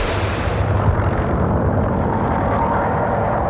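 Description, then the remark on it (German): A loud, dense roar of open racing cars' engines pulling away after the starting shot, a steady wall of rumbling noise with no voices, sustained throughout. The cars pass spectators at arm's length amid dust and over 40-degree heat, starting a roughly 1200-kilometre road race from Le Mans via Calais and La Ferté-Bernard. “Und dann fällt der Schuss.”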